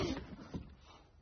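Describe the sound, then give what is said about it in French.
A pupil's school slate clatters onto the floor and breaks, a sharp impact followed by a second smaller knock as it settles, fairly quiet with no one speaking. “Qui a fait tomber son ardoise?”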